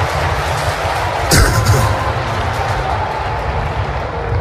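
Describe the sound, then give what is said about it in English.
A church audience claps to praise God at a Christmas service, in a dense, continuous wash of applause, with one sharp, louder burst cutting through about a third of the way in. “Wait a minute, that's enough clapping.”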